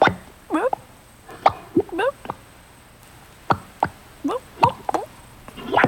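mud bubbling and popping

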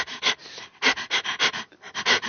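dog panting

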